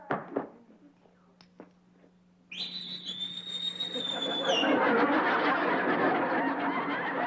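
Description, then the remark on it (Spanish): A loud, sustained whistle rises sharply and holds a steady pitch for about two seconds, then fades into a swelling wash of noisy crowd-like sound. A few brief clicks come earlier. “¿A quién le chiflaste?”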